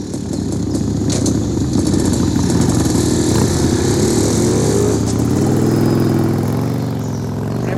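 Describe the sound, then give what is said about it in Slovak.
Loud motorcycle engines of a group of motorcyclists rumble steadily for several seconds, then rev up with rising pitch toward the end as they ride away; no one speaks. “To tí motorkári? No počkajte, vy chuligáni.”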